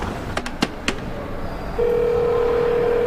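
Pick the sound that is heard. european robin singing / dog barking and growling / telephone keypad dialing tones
telephone keypad dialing tones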